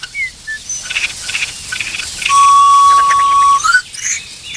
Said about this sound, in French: Pinson.